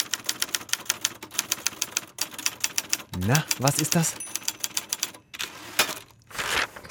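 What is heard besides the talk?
mechanical typewriter typing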